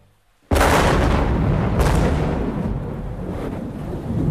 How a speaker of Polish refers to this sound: Piorun rozdarł niebo nad budynkiem Polskiego Radia, a krótki błysk na sekundę obnażył surową architekturę korytarzy radiowej jedynki.